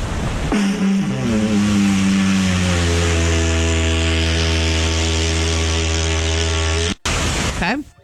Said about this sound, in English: Here's this guy playing the didgeridoo on a beach. Here he goes.